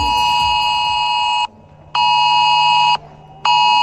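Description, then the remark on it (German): A loud, harsh electronic alert tone blares in long bursts, cutting off briefly twice before resuming: a mobile phone's emergency warning signal during a nationwide warning-day test of alert systems, with no voices. “So klingt morgen 11 Uhr zum Beispiel euer Handy.”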